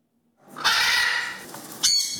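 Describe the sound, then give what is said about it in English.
A parrot lets out a long, harsh, raspy squawk, followed right away by the start of a second shrill screech. No talking, just the loud bird call. “Music to the ears of some. But to others, the squawks are a pain.”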